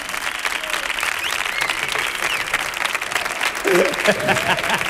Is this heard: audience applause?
yes